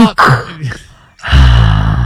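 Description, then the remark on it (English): A voice imitates heavy mechanical respirator breathing, a loud rasping inhale followed by a brief pause and a long, hissing, throaty exhale. “Okay, that just sounds like you're breathing heavy.”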